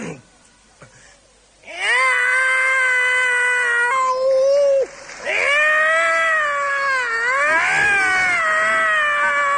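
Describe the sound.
A man's voice loudly imitates a cat yowling, as a cat in heat, with two long, drawn-out wavering wails separated by a brief break, with no other sounds around, in the Chinese crosstalk piece 'Lao Da Lao Er' by Hou Yaowen and Shi Fukuan.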